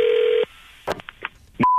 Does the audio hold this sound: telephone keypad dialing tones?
yes